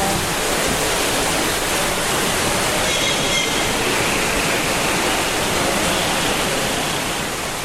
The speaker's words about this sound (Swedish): Vi går in till regnskogsavdelningen och möts av alla möjliga ljud. Vattenfallen, fåglarna, aporna.